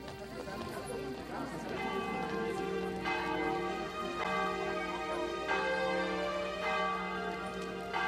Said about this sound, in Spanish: Con el repique de las campanas, en Radio Geni, damos el grito